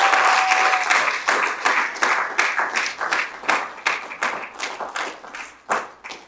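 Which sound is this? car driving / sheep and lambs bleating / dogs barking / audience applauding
audience applauding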